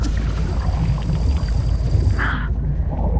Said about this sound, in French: Vous entendez ce bruit? On dirait le son d'un moteur d'un gros bateau.